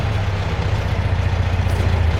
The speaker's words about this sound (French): Ah, voilà une auto qui arrive. C'est pas notre homme, la voiture est pas noire.